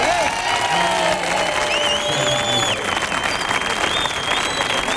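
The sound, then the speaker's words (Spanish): A crowd applauds steadily and loudly for the whole five seconds, a dense wash of clapping with a few shrill whistles and cheers rising above it. “Enorme, muy bien, Calambre en Sevilla, pero un aplauso para el Caniche.”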